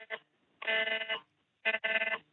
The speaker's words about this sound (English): as we're talking, there's another alert coming on. There's another alert coming through on all our phones.